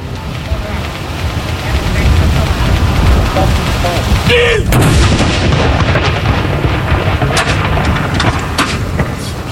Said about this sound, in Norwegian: Det altså 21 skudd I alt som skal avfyres. Og så det da som vanlig ved sørgesalutt, så det 30 sekunders pause mellom hver avføring.